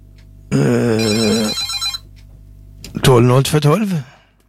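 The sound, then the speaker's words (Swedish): A telephone rings once, a bright, steady electronic tone lasting about a second, loud. After a short pause, a voice answers. “Ja, det är telefonnummer 1 och det tackar vi för. Beviset att telefonlinjen fungerar.”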